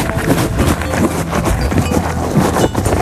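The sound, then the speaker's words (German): The horse Didi chewing crunchy feed in the Radio Teddy Challenge, a steady run of loud grinding crunches with no pauses and no voices. “Didi bekommt von mir 5 Sachen zu fressen und du musst anhand des Geräusches erkennen, was es ist.”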